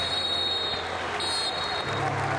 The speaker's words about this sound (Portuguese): Muitas palmas para os jogadores das duas equipas.